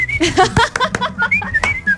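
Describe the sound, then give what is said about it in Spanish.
A person whistles a continuous, wavering high-pitched tune while clapping, with a few sharp claps scattered through and some background murmur underneath. “Ojo, silbando y aplaudiendo todo el tiempo.”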